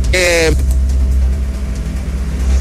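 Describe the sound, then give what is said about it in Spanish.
A city bus on route B07 rumbles along the Caletera road, its deep engine drone steady throughout, with a brief tonal whine at the very start. “Sin embargo, por acá por la Caletera viene pasando un bus del recorrido B07, y es el único que hasta el momento ha pasado por este bus.”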